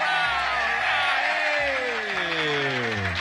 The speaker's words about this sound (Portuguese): É, aplausos!